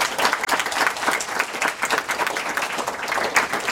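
An audience applauds steadily, a dense, continuous patter of many hands clapping at fairly even loudness throughout, with no voices standing out above it.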